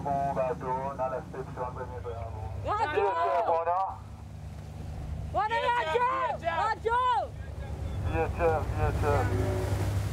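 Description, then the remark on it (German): A small boat rumbles steadily at sea, with wind buffeting the microphone. Voices talk loudly over the constant low drone throughout. “Keine Antwort. Ein kleines Boot”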